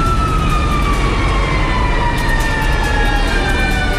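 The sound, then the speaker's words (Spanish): A fire truck siren wails as firefighters arrive at an overturned car on Gran Avenida, near Metro Ciudad del Niño, in long, slowly sliding tones over a heavy rumble of engine and street traffic, loud throughout, with no one speaking. “Ahí vienen los bomberos.”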